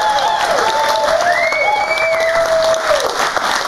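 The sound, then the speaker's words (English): A large studio audience in New York City claps loudly and steadily throughout, with whoops and cheers rising over the dense wash of applause, continuous. “You can come hang out in New York City with these maniacs right here. Look at this crowd.”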